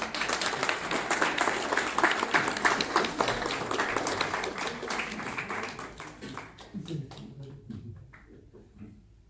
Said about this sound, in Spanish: Pues denle otro aplauso a esta mujer